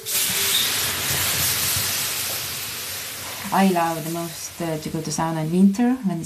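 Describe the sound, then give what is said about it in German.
A large ladle of water poured onto hot sauna stones sends up a loud, steady hiss of steam that fades slightly over several seconds before a voice begins talking over the lingering sizzle. “gießt eine große Kelle Wasser über die heißen Steine.”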